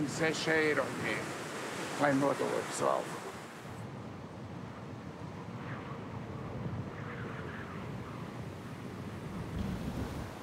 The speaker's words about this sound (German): Meeresrauschen in Westwindlage.